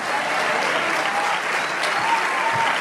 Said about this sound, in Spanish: Si ese aplauso es para el que te da vida eterna.